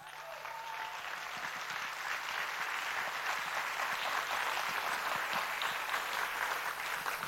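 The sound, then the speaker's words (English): Sustained applause from an audience welcoming Kate Kalot, founder and CEO of Amini, to the stage, a dense, steady patter of many hands clapping at an even loudness for several seconds with no one speaking over it. “We can keep clapping for her until she takes a seat, please.”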